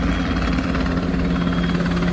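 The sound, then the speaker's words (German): A helicopter thrums steadily overhead above the city of Hamburg during a Bundeswehr military exercise, its rotor producing a constant low droning pulse with a broad engine roar, loud and continuous with no voices. “Hubschrauber über der Stadt, eine Kolonne aus rund 70 Militärfahrzeugen mitten in der Nacht, eine Drohne mit Sprengstoff über dem Hafen.”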